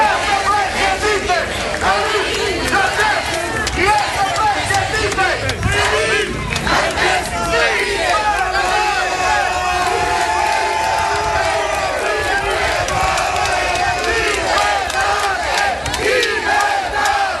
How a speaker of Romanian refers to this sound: mai ales că sute de susținători l-au așteptat cu ovații pe treptele Curții de Apel București.